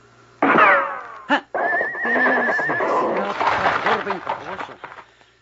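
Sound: horse neighing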